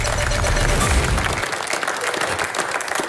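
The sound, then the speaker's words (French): An audience applauds comedian Christophe Bourdon in a dense, steady wash of clapping that stays loud throughout, with a heavier low rumble at the start that thins after about a second and a half. “Applaudissements pour Christophe Bourdon, s'il vous plaît.”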